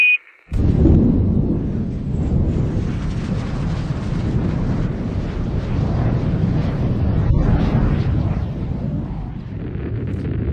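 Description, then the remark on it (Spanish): A short high tone and a brief hush, then a SpaceX rocket engine ignites at launch, after a 3, 2, 1 countdown, into a loud, continuous, deep rumbling roar with a crackling edge that holds steady for about ten seconds. “Se llama SpaceX y a sus 24 años hoy va a protagonizar la mayor salida a bolsa de la historia. 3, 2, 1, ignition.”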